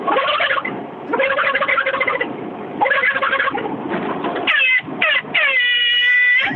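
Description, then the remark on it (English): A voice mimics a turkey gobble in several loud bursts of rapid, throaty warbling, then imitates an air horn with two short honks and a long, steady, buzzing blare. “I like the turkey better, but the air horn is good.”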